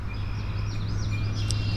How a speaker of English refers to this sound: All right, so we got red-winged blackbirds screaming in the background.